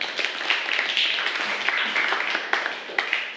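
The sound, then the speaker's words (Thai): Applause from students in a Thai language class for group 2, a dense, steady patter of many hands clapping for a few seconds, fairly loud and even, with a few sharper claps standing out. “ปรบมือให้กับกลุ่มที่2ด้วยค่ะ”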